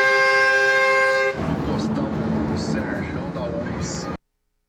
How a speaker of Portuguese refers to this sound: Ó, o outro espanta a onça na buzina.